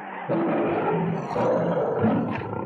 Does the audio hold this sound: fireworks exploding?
no